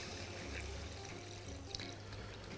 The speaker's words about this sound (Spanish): Bueno, le pongo un poquito de agua.